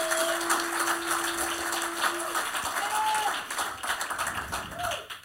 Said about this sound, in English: Vamos, denle un aplauso, Señor. Oh, let's give a round of applause to the Lord.